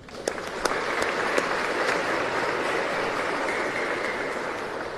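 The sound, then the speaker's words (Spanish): Loud, sustained applause from a sizable crowd fills the whole stretch, a dense wash of clapping with a few sharper claps standing out near the start. “Fuerte aplauso.”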